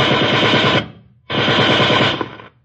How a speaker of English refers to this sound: Put a round of machine gun bullets through the roof of the garage.